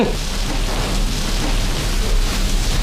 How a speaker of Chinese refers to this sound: 哟，胡大人，这刮风闪电的，怎么把您给招来了？